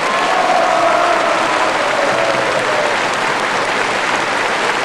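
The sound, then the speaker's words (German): A large Viennese audience applauds steadily for about five seconds, a dense, loud wash of clapping hands with a faint whistle near the start and no talking. “Unser Wiener Publikum.”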